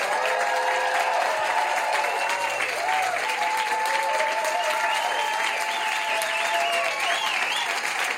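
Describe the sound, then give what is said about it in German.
Sustained applause from a live audience fills the whole stretch, a dense steady clatter of many hands with some cheering and whistling mixed in, loud and unbroken throughout. “wir eine kleine Live-Stimmung nach Hause zaubern können, in die Badewanne, aufs Klo, ins Wohnzimmer, wo auch immer Sie uns hören, würde ich euch bitten um einen freundlichen, frenetischen Applaus für uns und für euch.”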